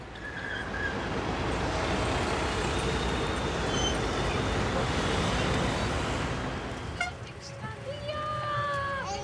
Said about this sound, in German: Um trotzdem möglichst viel zu sehen, haben sie sich für einen Klassiker entschieden. Stadtrundfahrt per Bus durch Budapest.